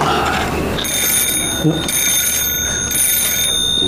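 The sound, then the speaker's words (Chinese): A telephone rings with a steady, high electronic trill that pulses in repeated bursts, loud and continuous after a brief moment of voice at the start. “以后你回家，我就把电话给拔了。”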